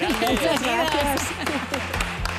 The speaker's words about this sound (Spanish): Pues un aplauso